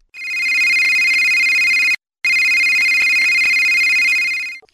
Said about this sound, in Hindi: जल्दी फोन उठाओ।